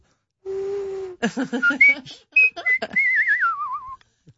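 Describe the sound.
A person whistles in imitation of birdsong: a steady held tone, then quick chirpy bursts and trills, ending in a long wavering warble that slides downward. No one speaks.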